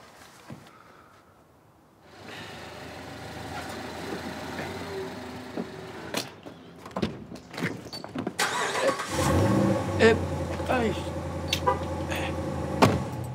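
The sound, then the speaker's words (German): A new car's engine cranks and catches after a brief quiet moment, then settles into a steady running hum with some mechanical clicks and a rising rev near the end. “Mein neues Auto. Noch ein bisschen gewöhnungsbedürftig.”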